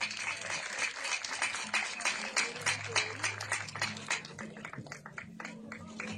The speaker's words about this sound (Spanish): Démosle un fuerte aplauso a ellos. Ahí vienen. Démosle un fuerte aplauso.